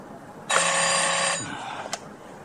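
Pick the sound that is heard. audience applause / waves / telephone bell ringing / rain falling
telephone bell ringing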